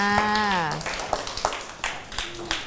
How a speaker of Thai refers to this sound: ปรบมือให้เพื่อนด้วย